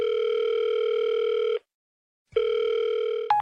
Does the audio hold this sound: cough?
no